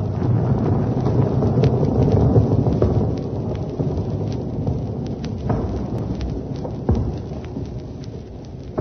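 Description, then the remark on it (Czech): A heavy, continuous rumbling roar of an avalanche thundering down in the mountains, loud, with scattered cracks and tumbling debris over a deep steady rumble that slowly eases. “No, a sotva se profesor a docent dali trošku dohromady, schodil na ně ten ježatý obr další lavinu.”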